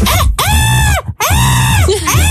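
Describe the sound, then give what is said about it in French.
A person imitates a seagull with two loud, high, wailing cries, each rising then falling in pitch, separated by a brief gap, with a shorter squawk trailing at the end. “C'est vrai que c'est assez joli quand je fais la mouette.”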